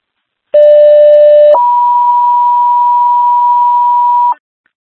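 Fire dispatch alert tones, the second tones for Boonville, for a wires-down call at 8090 Moose River Road, Town of Port Lyman: a steady lower-pitched tone held for about a second, then a higher steady tone held for nearly three seconds, loud and clean with no voices.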